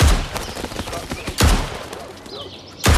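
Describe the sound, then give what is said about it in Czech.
Three loud, sharp gunshots at target practice, spaced about a second and a half apart, each a sudden crack with a short ringing tail and quieter rustling noise between them. “Ale pro dnešek končíme, náboje jsou drahý.”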